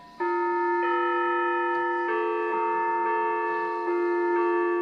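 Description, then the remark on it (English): Sustained bell-like tones in an adjusted tuning ring out together, with a second pitch joining after a moment to form a pure-sounding fourth interval, more perfect than usual. The chime stays loud and steady, with faint shimmering overtones and no voices. “And that's a more perfect fourth than we're used to hearing.”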